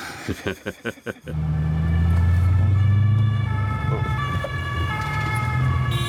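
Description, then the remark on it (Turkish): An emergency vehicle's wailing siren sounds over steady low road rumble as it passes in traffic and a car gives way to it, starting after a few sharp rhythmic bursts, holding loud for several seconds as traffic noise continues underneath. “Onlara yol verelim.”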